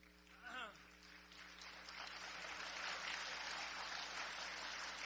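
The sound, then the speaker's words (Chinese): An audience breaks into applause for a crosstalk (xiangsheng) comedy duo; it swells within the first second and holds as a steady, dense wash of clapping, after a brief voice near the start. “哎呀， 谢谢谢谢大家， 各位别鼓掌。”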